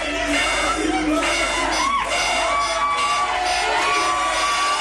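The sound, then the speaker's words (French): A dense crowd of football supporters at a match against Portugal cheers and shouts continuously, a loud, steady roar with whoops and yells rising above it throughout. “Un match véritable montagne russe pour les supporters.”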